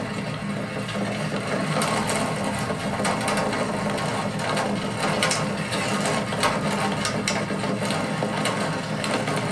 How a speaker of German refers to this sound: Ja, ist ja wohl klar zu hören. Klares Zeichen, wir sind schon etwas klapprig, zumindest auf diesem Pflaster.